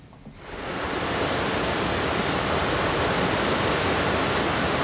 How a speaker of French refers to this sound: Le Furan, une rivière à apprivoiser. Source, eau forte pour un barrage.